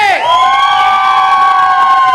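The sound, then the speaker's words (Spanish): A large crowd shouts and cheers loudly and without a break, many voices merging into one long, held roar that stays strong for the whole couple of seconds. “A ver, tienen que gritar más fuerte porque estamos en vivo.”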